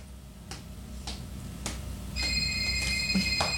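A cellphone rings with an incoming call: regular soft ticks at first, then a steady high electronic ringtone starts partway through and keeps going, clear, with no voices.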